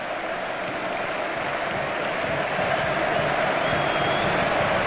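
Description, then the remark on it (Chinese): A stadium crowd at Camp Nou applauds Lewandowski in the closing stoppage-time moments of Barcelona's home match against Real Betis, his farewell match there. A dense, continuous wash of clapping and cheering holds steady and swells slightly louder in the second half, with no voices standing out. “现场观众也在向莱万多夫斯基致意。”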